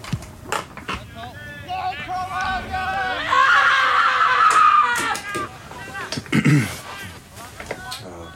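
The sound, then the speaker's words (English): A sustained, high-pitched human scream rises and wavers for several seconds, loud, framed by shorter vocal bursts and breathy noises before and after. “And I just like to scream because I like it.”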